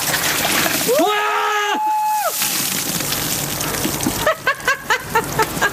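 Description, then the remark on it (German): A bucket of ice-cold water is poured over someone's head for the Ice Bucket Challenge, a loud, sustained splashing rush, with a sharp yelp at the start and breathless, rhythmic gasps or laughter toward the end. “Ja, können Sie sich erinnern, die Ice Bucket Challenge, wo man sich gegenseitig Kübel mit eiskaltem Wasser über den Kopf geschüttet hat”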